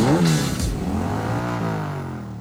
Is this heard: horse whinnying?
no